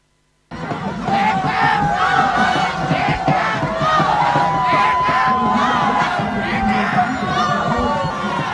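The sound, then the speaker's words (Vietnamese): A large crowd of football fans roars and shouts in celebration on Nguyen Hue walking street in Ho Chi Minh City, in the rain at night, as the final whistle ends Vietnam's 2-0 win over Malaysia in the AFF Cup 2026 semi-final first leg. A dense continuous wall of cheering with high excited yells rising above it, loud and sustained throughout. “Khi tiếng còi kết thúc trận đấu bán kết lượt đi AFF Cup 2026 giữa Malaysia và Việt Nam vang lên, cũng là lúc các cổ động viên tại phố đi bộ Nguyễn Huệ hò hét trong sung sướng.”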